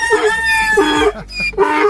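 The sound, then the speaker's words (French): A rooster crows loudly, its harsh, strained call rising and breaking in a few rhythmic bursts, followed by a donkey braying, with no other voices present. “On a eu le coq et après, on a eu l'âne.”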